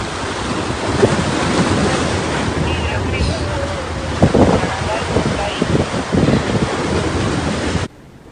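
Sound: sea waves and wind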